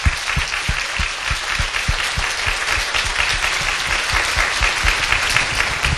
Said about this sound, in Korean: 여러분 감사 박수 한번 하기 원합니다. 감사합니다.